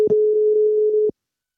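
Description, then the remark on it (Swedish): A single steady telephone ringing tone, heard while calling a health centre, sounds for about a second, clear and alone, then cuts off into silence. “Som att få svar i telefonen när man ringer vårdcentralen.”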